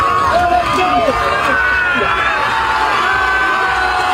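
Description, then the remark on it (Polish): A crowd on the beach at Dziwnów, Poland, cheers and shouts continuously as a swimmer reaches the finish of a swim across the Baltic Sea, with many overlapping voices, high excited calls and whoops rising above a steady roar of babble, loud throughout. “Tam przywitały go tłumy.”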